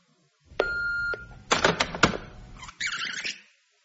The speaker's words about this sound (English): An empty house and only an answer phone to greet me.